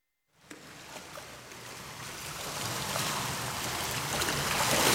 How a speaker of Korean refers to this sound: 파도 소리, 바다 내음 막 상상하게 되죠.